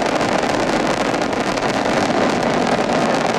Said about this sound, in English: Ignition and liftoff. Go Falcon, go Dragon, and go Crew 13. Carried by Dragon Brace to the International Space Station. Copy, 1 Alpha. FD2 pressures are normal. All 9 Merlin engines on the first stage at maximum thrust of 1.7 million pounds.